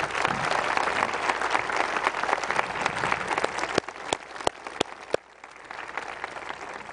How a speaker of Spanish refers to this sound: Gracias pues y felicidades por esta octava carrera. Sí, un aplauso para ustedes.